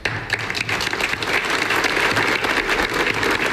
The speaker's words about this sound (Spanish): Con estos aplausos finalizaba en Arguedas la multitudinaria concentración convocada por el ayuntamiento de la localidad en repulsa por el asesinato de Saida El Yusif.